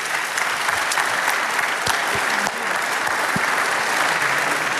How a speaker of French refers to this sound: On peut les applaudir tous pour ce petit quiz sur le vélo.